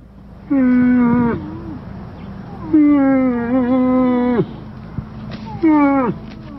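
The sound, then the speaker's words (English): A female moose gives three long, loud, moaning calls, each a drawn-out nasal bellow that wavers and trails off, separated by short pauses against a faint outdoor background. “This is the call of a female moose.”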